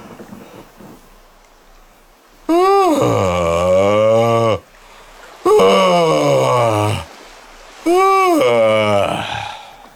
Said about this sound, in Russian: Вот. Это как бы корабль уже сошел со стапелей, угу. И он успокоился. И пошло. Это зевок, который отправляет как бы в добрый путь.